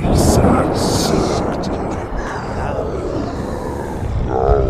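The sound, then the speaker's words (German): Heavy thunder rolls and rumbles continuously and loudly, filling the whole stretch with deep, crackling noise; a brief voice-like tone surfaces near the end. “Der Herr des Donners schrie es nun beinahe.”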